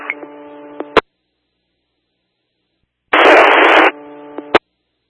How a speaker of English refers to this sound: Static only. Last unit for Hollister, static only, unreadable.